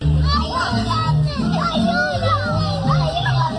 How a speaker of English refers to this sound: This is the sounds of two young children screaming for help in Spanish while their mom is arrested and being escorted out of by cops at Disneyland. Yeah, at Disneyland.